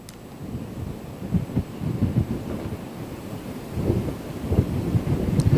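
Strong gusty typhoon wind roars and buffets the microphone in repeated low rumbling surges, growing louder toward the end, with a steady hiss of weather noise behind it and no voices; strong wind and brief rain from a typhoon's outer cloud bands in Shipu Town, Xiangshan County, Ningbo, Zhejiang, China.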